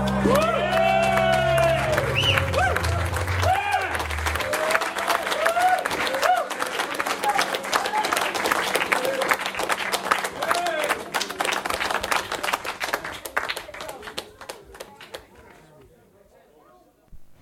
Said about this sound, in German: Cute, wie der Applaus ausgeplätschert ist. Ja, das waren die Leute, die hier vorm Studio stehen und eben mitgehört haben, weil wir das Fenster aufhaben. Ja, völlig ausgeflippt. Zum Schluss noch so ein kleiner Nachklatscher, echt cute.